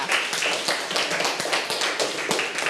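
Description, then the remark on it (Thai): A group of schoolchildren in class clapping for a classmate's answer, a dense patter of many quick, uneven claps that holds steady at moderate loudness for the whole stretch, with no voices over it. “หวีใช่ไหมคะเยี่ยมมากค่ะปรบมือให้เพื่อนค่ะ”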